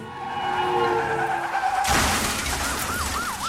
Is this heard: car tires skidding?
yes